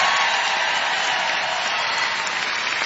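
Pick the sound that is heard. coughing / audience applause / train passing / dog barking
audience applause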